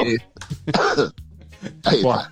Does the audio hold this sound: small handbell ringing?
no